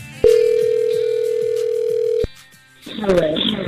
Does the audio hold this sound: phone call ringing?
yes